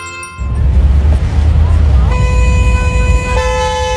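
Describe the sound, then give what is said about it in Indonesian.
Loud, steady traffic rumble, then car horns blare in long sustained blasts that overlap and shift pitch, honking as the traffic jam drags on. “Duh, macet banget nih.”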